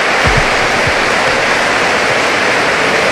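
A stadium crowd at 'La Catedral' gives a loud, sustained ovation to Athletic Club's Genuine squad players in the centre of the pitch, picked up by Radio Popular's microphones; a dense, steady roar of cheering holds throughout, with a few low thumps near the start.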